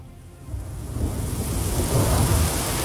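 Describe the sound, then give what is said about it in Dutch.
Rain and thunder sound effects in a song: steady rain hisses across the whole clip while a deep rumble of thunder builds and swells, growing louder toward the end, with no voices present. “Met regen en ook zeker onweer.”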